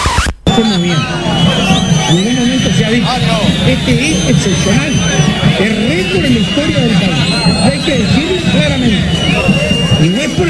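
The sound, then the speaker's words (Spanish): A large crowd whistles shrilly and boos in a loud, continuous uproar, with scattered sharp whistles piercing a dense roar of jeering voices that nearly drowns out the speech of minister Frati underneath. “Se escuchan más los chiflidos, los silbidos y los abucheos que la expresión del ministro.”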